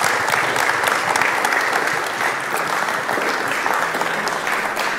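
Steady, dense applause from an audience, many hands clapping at once in a continuous loud wash that holds evenly for about five seconds with no voices on top.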